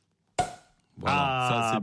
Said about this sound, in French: On débouche le champagne.